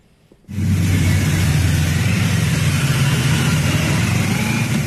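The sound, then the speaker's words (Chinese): After a brief moment of quiet, a loud, steady roar of motorcycle and car engines kicks in abruptly and rumbles on continuously, with a deep low hum and no voices: a ceremonial motorcycle escort guarding a motorcade of ceremonial cars carrying July 1 Medal recipients, departing their residence around 9 a.m. for the Great Hall of the People. “上午9时许，七一勋章获得者集体乘坐礼宾车从驻地出发，由礼宾摩托车队护卫前往人民大会堂。”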